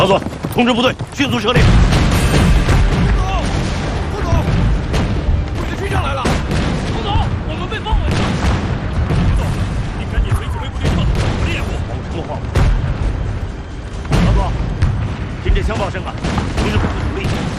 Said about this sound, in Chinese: 听见枪炮声了，同志们努力，组织部队突围。